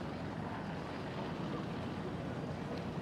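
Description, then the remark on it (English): A racing powerboat roars steadily toward the finish line at a performance boat shootout event, a loud, continuous rumble of engine and rushing water with no voices. “Another great planted boat here. Making their way towards the Performance Boat Center finish line.”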